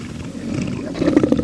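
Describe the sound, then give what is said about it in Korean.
A deep, rumbling roar of a huge mutant Ratus creature that swells louder toward the end, with gritty low growling pulses and no one speaking. “그들이 말을 할 때마다 변이 라투스가 더 크게 울부짖었다.”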